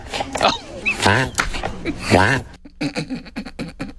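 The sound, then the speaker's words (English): A tortoise gives strained, squeaky calls that rise and wobble, followed by a quick run of rhythmic, evenly spaced grunting pulses, fairly loud with no talking. “Okay, this is the tortoise.”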